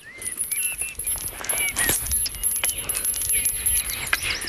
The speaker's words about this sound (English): It's also a symbol of the bardic tradition, that a bard would have a staff. And the bells on the staff represent the tingling of the music to come, the words. That's what the bells are for, to hail the bardic work.